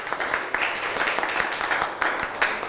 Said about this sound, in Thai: ทุกคนปรบมือให้ตัวเองหน่อย